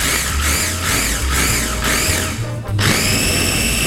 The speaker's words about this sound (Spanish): Si usted, su procesador, tiene velocidades, para este caso que es picar, váyase una velocidad a la más bajita y ahí le va tanteando. Ok, ¿va? Muy bien. Vamos a comenzar con solo las hojitas de albahaca.